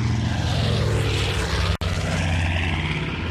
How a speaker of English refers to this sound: The morning of Saturday, July 18, 1945, a United States Army Air Force's B-25 Mitchell was flying from Bedford Army Airfield in Massachusetts to New Jersey's Newark Airport.